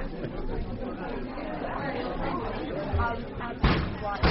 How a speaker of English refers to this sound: Well, that's him over there hitting the coffee machine.